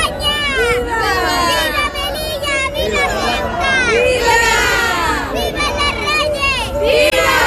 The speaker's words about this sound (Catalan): Cap al migdia ha arribat la comitiva reial i ha sigut en eixe moment quan ha esclatat el clamor ciutadà.